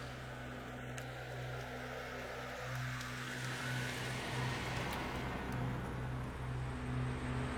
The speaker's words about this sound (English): So this is our power plant. We have three engine generators here.